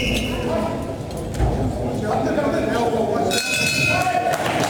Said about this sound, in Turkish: Ve gong sesi geldi. İkinci round sona erdi.